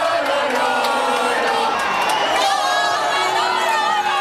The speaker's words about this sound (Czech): Fanoušci skandovali jména španělských fotbalistů a posilňovali svou víru ve vítězství pivem, červeným vínem s citronádou a společnými pokřiky a popěvky.